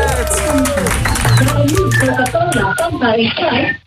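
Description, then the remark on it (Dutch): Applause and clapping from an audience for the man with the world's largest nose, fairly loud and sustained for a few seconds, mixed with cheering voices before it fades at the end. “Mag ik een groot applaus voor de man met de grootste neus ter wereld?”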